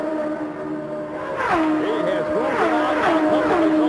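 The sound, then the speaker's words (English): Several race cars, led by Rick Mears ahead of Mario Andretti and Michael Andretti, whine past down the straightaway to complete another lap, their high-pitched roars rising and dropping as each car sweeps by, loud over a steady background drone. “Here they come down the straightaway to complete another lap.”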